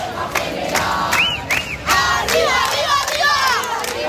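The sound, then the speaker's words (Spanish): A large protest crowd in the Puerta del Sol chants and shouts, with shrill rising whistles and sharp bursts of voices over a constant, loud wash of crowd noise. “Este es el sonido que se está viviendo desde primera hora en la Puerta del Sol”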